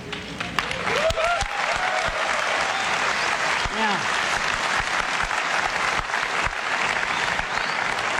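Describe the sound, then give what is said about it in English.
Loud, sustained applause from an excited crowd as Steve Jobs introduces the iPhone 4 at its product launch, dense clapping with a few cheers and whoops rising above it, continuing steadily throughout. “Crowd very excited because the iPhone 4 was a slightly different look.”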